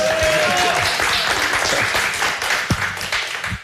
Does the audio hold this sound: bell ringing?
no